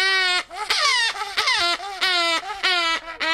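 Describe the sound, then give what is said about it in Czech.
A grey-cheeked hornbill at Olomouc Zoo on Svatý Kopeček, Czech Republic, calls loudly, a rapid series of about five harsh, nasal, wailing notes that rise and fall in pitch, almost like a crying baby, with no voices over them. “To je velmi zajímavý zvuk zuborožce šedolícího.”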